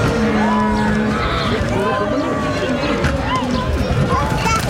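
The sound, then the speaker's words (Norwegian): A herd of dairy cows runs out to pasture after a long winter indoors, butting one another, hooves thudding and trampling in a busy, continuous rush, with people talking and calling over the commotion as an audience watches. “Det som med kuene, at de sippes ut, så det bare stange.”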